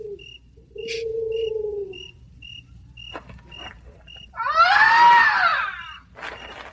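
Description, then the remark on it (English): A person imitates a bird call: a low, drawn-out coo, then a loud wailing cry that rises and falls, over a steady series of short, high peeping notes. No talking. “It ain't no woman, that's an Indian. I know, I heard him before.”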